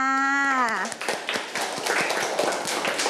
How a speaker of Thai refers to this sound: เก่งมากค่ะเด็กๆปรบมือให้เพื่อนค่ะ